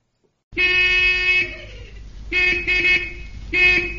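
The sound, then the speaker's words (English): Car horns honk in three loud, sustained blasts separated by short pauses, over a low rumble of idling traffic in a traffic jam, with no voices. “There's quite a traffic jam building up.”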